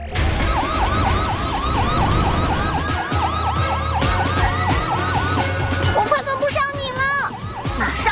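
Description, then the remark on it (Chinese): A police siren wails loudly as police lights come on, its rapid rising-and-falling cycles repeating steadily for several seconds over busy background noise, with a brief burst of other sounds near the end. “对，不过我们动作要快，警笛响起，警灯亮起。”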